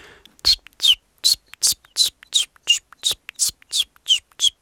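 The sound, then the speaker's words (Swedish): A person imitates a common chiffchaff's song with about eleven even, breathy, high-pitched notes in a steady alternating rhythm, sounding partly whistled and partly whispered, with no other voices. “Jag har varit i Göteborg nyligen och där sjöng bland annat gransångar som är ganska sentida invandrare i södra Sverige.”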